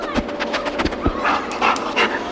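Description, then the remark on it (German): A sniffer dog sniffs excitedly in quick, breathy bursts, short rapid snuffles and pants repeating in an uneven rhythm, with no talking. “Schnüffelt jemand ganz aufgeregt. Jemand, der Menschen im Labyrinth finden kann oder der Polizei bei der Spurensuche hilft.”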